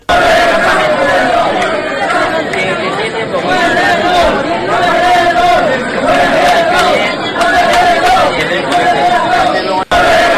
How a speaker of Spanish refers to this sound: Portavoz, sonido de la calle Laurel este fin de semana, a pesar de la lluvia y del mal tiempo que ha hecho.